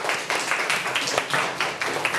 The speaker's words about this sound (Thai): โอเคขอเสียงปรบมือให้กลุ่มที่5ครับ